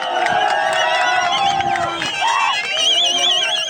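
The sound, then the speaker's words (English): A street crowd of residents in Adigrat, Ethiopia, cheers and shouts continuously as Ethiopian forces patrol the streets, with high ululating trills and whistling rising over a dense, loud wash of many voices. “This video footage shows residents of Adigrat cheering as Ethiopian forces patrol the streets.”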